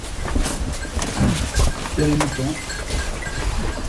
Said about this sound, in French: Les moutons. C'est pas les nôtres. Non, mais... C'est les moutons dans le jardin. Ouais. Ils viennent d'être tondus. Ouais. Il y a plusieurs races. Non, c'est pas des béliers.